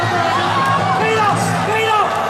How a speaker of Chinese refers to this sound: 就大多数人是欢呼， 对 啊，这个是又放心又欢呼狂喜。